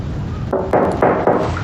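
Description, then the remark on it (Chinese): Four firm knocks on a door in a steady, slightly uneven rhythm, moderately loud, with no voices over them. “我开门去。”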